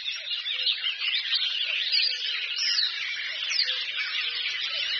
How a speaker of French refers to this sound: Puis il y a des oiseaux qui font de la sourdine, ils sont en train d'essayer en fait. Ils essaient leur chant, voir si l'instrument fonctionne. Coucou et Rousserolles Verderolles.